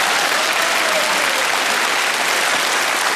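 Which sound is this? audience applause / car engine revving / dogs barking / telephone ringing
audience applause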